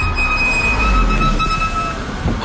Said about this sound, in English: Those brakes are hard to miss. Yeah, they've been making some noise. Yeah, that's usually worn pads.